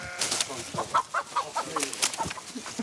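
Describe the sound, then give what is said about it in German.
An escaped chicken, heading straight for the chicken meadow, clucks in a quick series of short, repeated calls, with some rustling and scuffling noise in the background. “Aber jetzt ist ein Huhn entkommen.”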